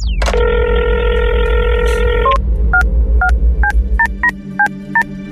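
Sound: telephone dialing tones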